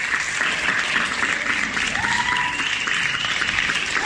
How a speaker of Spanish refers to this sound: Son los aplausos grabados por aquel entonces en Santa Cruz de Tenerife. Todos los días salíamos a los balcones a aplaudir para insuflar ánimo al personal sanitario que tan mal lo estaba pasando.